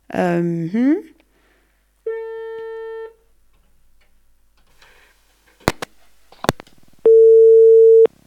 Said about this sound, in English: It's ringing. We cannot wait. She's probably busy.